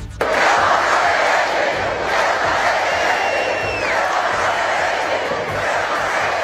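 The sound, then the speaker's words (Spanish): A large crowd roars and shouts together in a continuous, loud wall of voices, with a few higher whistles rising above the din and no clear pause throughout. “Miles de madrileños salieron a la calle al grito de Ceuta no se vende, Ceuta se defiende.”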